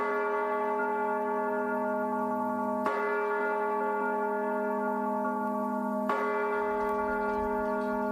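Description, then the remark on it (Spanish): Church bells ring out in slow, heavy strokes, about three seconds apart, each deep clang humming on and blending into the next. No voices are heard. “un campanero a otro. Justo lo que en muchos pueblos se estaba olvidando.”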